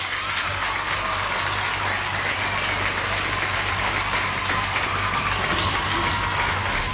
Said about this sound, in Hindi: फिलहाल यहाँ पे आप सबने सही जवाब दिया, इसलिए आपके लिए यहाँ पे बजेंगी तालियां।